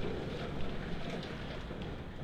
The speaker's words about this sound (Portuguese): Essa chuvarada que acabou de chegar, viu? Aqui no Grupo Condá também, gente. Já está aqui no nosso estúdio. Este aguaceiro, muita pedra no palmeiro.